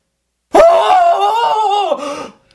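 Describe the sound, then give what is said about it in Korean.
A man, mouth opened wide, lets out a single loud, drawn-out scream lasting nearly two seconds that suddenly bursts out after being stuck, strained and raw, starting abruptly and trailing off at the end, with no other sounds around it. “꽉 막힌 듯 잘 나오지 않던 비명이 갑자기 봇물 터지듯이 터져나왔다.”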